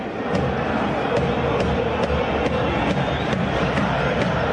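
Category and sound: crowd, stadium crowd roaring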